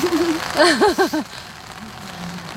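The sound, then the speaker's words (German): Steady rain hisses softly in the background throughout, falling on a yard with chickens, while a short run of warbling, voiced calls rises and falls over it near the start before fading out. “Ja, unsere Hühner, die sehen jetzt ein bisschen nass aus.”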